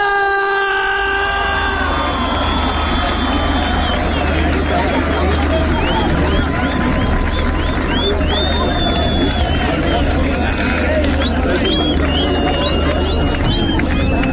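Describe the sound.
After a brief shouted voice, a large live show audience in Argentina bursts into loud, sustained applause and cheering for invited folk singers, the cantores del monte. The crowd's sound is dotted with sharp, rising whistles and holds steady at full intensity for about twelve seconds.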